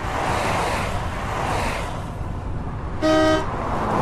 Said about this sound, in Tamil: இதோ பாரும், நமக்கு பின்னால் வந்த கார்கள் வண்டிகள் எல்லாம் வேகமாக நம்மை கடந்து செல்கின்றன.